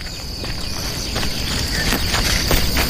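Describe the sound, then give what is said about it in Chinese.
A stubborn donkey's hooves clip-clop slowly and unevenly as it insists on grazing in this spot, several soft knocking steps, over a steady high chirring of insects outdoors. “我去哪儿得听这货的，这是头犟驴，非要在这片吃草。”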